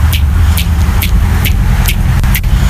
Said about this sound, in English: Oh, well, there is a car out there, too.